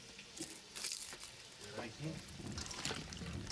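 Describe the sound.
A little water is poured into a cooking pot, along with bay leaves, in short, splashy bursts, quiet, with faint voices in the background.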